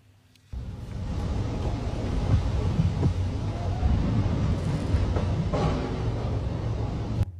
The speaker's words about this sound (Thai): นี่เป็นผู้ใช้ TikTok คนหนึ่งนะครับที่เขาโพสต์คลิปขณะที่ฝนตกหนักแล้วก็มีเสียงฟ้าร้องฟ้าผ่าด้วยนะครับเหมือนที่คุณผู้ชมเห็นและได้ยินไปนะครับจุดนี้นะครับอยู่ในซอยพหลโยธิน48เขตบางเขนนะครับเขาบอกว่ามีฝนตกมีพายุลูกเห็บเนี่ยมาครบเลยครับ